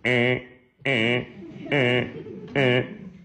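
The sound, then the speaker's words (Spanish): A voice imitates an alarm with four loud, repeated wailing tones in a steady on-off rhythm, each a strong, harmonic-rich burst of roughly half a second separated by short gaps. “usted debe tener por dentro una lucecita roja y una pequeña alarma que debe sonar más o menos así.”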